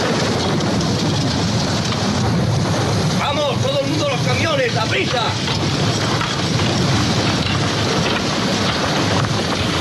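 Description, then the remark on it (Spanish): Steady, dense rain pours down throughout, a constant hiss, with faint rumbles beneath and voices briefly calling out in the middle; a scene from the film Cool Hand Luke, starring Paul Newman, in which prisoners build a road in the rain. “y hay un momento en el que lloviendo, mientras hacen una carretera a los presos y tal, el protagonista es Paul Newman, que escuchamos este fragmento.”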